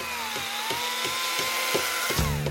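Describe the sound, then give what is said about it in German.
Bridge construction site work noise where the bridge deck slab is being resealed: a steady whining machine drone with a regular series of sharp knocking impacts, about three per second, fairly loud, with no voices. “Der Verkehr kann hier trotz Baustelle fließen.”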